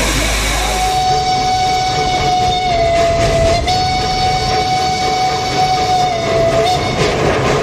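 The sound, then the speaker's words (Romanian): A narrow-gauge steam forest train runs along the Vaser Valley from Vișeu de Sus in Maramureș with a steady rumbling clatter while its whistle sounds one long, unbroken note for several seconds, fairly loud, with no voices. “Mocănița din Maramureș, care circulă pe Valea Vaserului din Vișeul de Sus, este ultima cale ferată forestieră cu abur din Europa, încă funcțională pentru transportul lemnului.”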